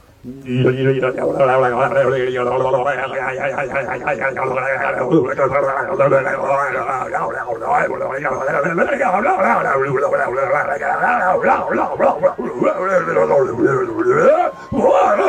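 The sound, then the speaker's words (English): A person imitates a Sasquatch howl as an entry in a full-moon howling contest: loud, drawn-out moaning wails that waver up and down in pitch, sustained almost without pause for about fifteen seconds, with groaning overtones layered through it. “I don't know, but apparently that's what Sasquatch sounds like.”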